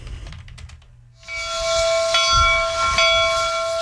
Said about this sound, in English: I think that's a commuter rail. How do you even memorize all of these sounds of the T?